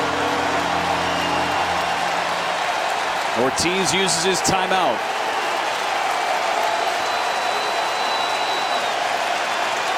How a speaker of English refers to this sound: This crowd of 34,564 getting loud.